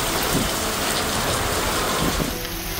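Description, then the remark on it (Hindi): Heavy pre-monsoon rain pours down over areas such as Alwar in Rajasthan or Kheda and Navsari in Gujarat, in a steady, dense, loud roar throughout, with no voices, easing only slightly near the end. “मैदानी इलाकों में मॉनसून के आने में अभी देर है, लेकिन उससे पहले बादल आए, गरजे और जमकर बरसे।”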